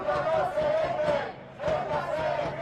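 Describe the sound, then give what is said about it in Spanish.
A large crowd at a protest march in Spain, reported by the government delegation as about 20,000 people, chants the march's most repeated slogan in unison, the massed voices rising and falling through two loud, rhythmic phrases separated by a brief dip. “Ha sido el grito más repetido en la marcha.”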